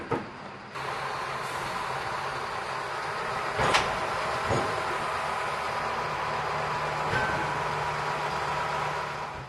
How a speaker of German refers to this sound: Im Hafen erwartet uns wieder der Rangiertraktor. Er wird den Zug auf das schwedische Festland und in den Fährbahnhof Trelleborg rangieren.